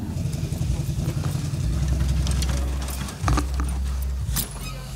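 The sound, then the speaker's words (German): The engine of a truck nearly 19 years old idles with a steady, deep rumble throughout, its pitch shifting slightly partway through, while scattered metallic clicks and rattles sound over it, as the front is opened to show the engine. “Dürfen wir einmal in den Motor? Ja, ja, mach vorne mal offen, ja.”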